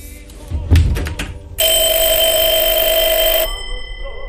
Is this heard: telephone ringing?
yes